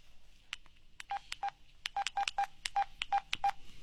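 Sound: telephone number being dialed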